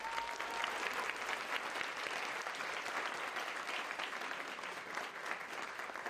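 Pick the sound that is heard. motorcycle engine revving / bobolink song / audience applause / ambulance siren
audience applause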